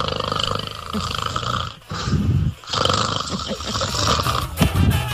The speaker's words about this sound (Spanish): ¡Ya! Por ahí ya está roncando.